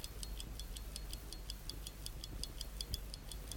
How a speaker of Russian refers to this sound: Вот, часы пошли. Часы идут, ребята.